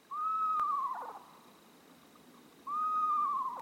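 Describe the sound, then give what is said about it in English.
Two drawn-out, tremulous whistled calls of a screech owl with a slightly wavering pitch, separated by a pause, clear over a soft background hiss. “Screech owls, tiny, adorable owls, will happily raise their little ones in a nest box designed for them.”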